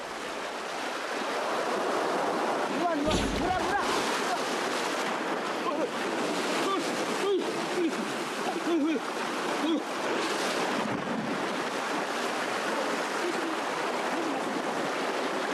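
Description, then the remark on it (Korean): Ocean waves break against shoreline rocks where wild seaweed grows and is harvested, a continuous roaring wash of surf with a couple of heavier crashing surges standing out, near the start and again later. “큰 파도 한 번 오면 이 세 번이 온다고. 도망가야 돼.”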